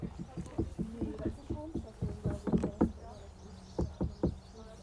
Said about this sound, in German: Hä, hey, die klatschen ja an den Stein. Die haben geklopft. Wer klopft hat? Die Leute haben an den Löwenstein geklopft.